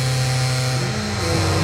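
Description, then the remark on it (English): A door closes slowly on its own on a hydraulic closer, letting out a long, steady, fairly loud squeaking groan that shifts pitch partway through, with no voices. “as it closed, it had one of those like hydraulic things that slowed the door down”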